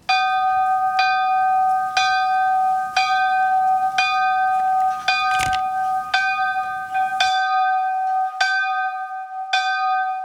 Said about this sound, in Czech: Tak takhle zní obecní zvon z návesní kaple v Šejbech. Má hlavní nárazový tón G3, spodní průměr 36 cm a váží přibližně 35 kg. Podle kampanologa Radka Lungiho někdy mezi lety 1942 až 1944 ulila neznámá slévárna.